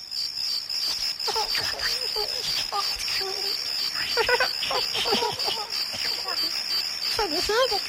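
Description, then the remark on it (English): Crickets chirp in a steady, shrill, continuous chorus like a night-time field, with indistinct voices murmuring faintly underneath. “Not those sort of crickets.”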